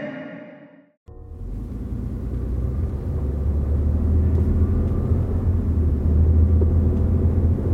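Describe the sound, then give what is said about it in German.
A helicopter in flight gives a steady, loud, low rumble that swells slightly and holds, with no one speaking; a brief different sound cuts off just before it starts. “Zentrale, hier Helikopter Wispy 02.”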